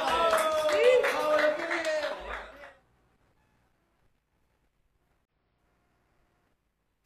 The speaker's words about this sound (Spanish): Bueno, ¿eh? ¡Aplausos!